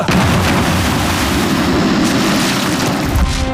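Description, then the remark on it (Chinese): A loud bomb explosion, set off by a little gunpowder from a bullet: a heavy blast that rolls into a dense, roaring rumble with deep low-end thunder, holding strong for several seconds before easing slightly at the end. No voices. “虽然它爆炸的威力很大，但是引爆这颗炸弹呢，却是这颗子弹里一点点火药的人。”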